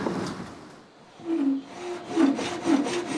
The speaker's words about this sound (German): Eine Sägemühle aus dem Jahr 1876. Und sogar im Original erhalten.